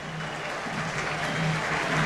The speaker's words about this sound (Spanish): Todos estos aplausos de la Bombonera son para él. Todos estos aplausos de la Bombonera son para Leonel Flores.